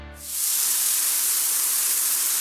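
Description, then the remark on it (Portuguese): A shower runs with a steady, bright hiss of spraying water, starting after a brief low rumble and holding even and loud throughout, with no voices. “Pode até parecer barulho de chuva, mas se chama desperdício.”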